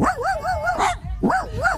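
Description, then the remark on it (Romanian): On a beach, a man imitates a dog barking, giving two loud, drawn-out bursts with a wavering, yelping pitch, separated by a short pause, with no other talking. “Uite, eu am lătrat acum pentru prietenul Tudi, Cătălin Tudorașe, care mi-a zis:”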